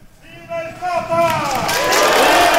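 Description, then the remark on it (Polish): A crowd of worshippers spontaneously chants for the pope, 'Always and everywhere, long live the pope', voices rising into a loud, swelling collective chant, tonal shouts overlapping and building steadily into a dense roar with cheering. “Zawsze i wszędzie niech żyje papież. Spontanicznie krzyczeli wierni.”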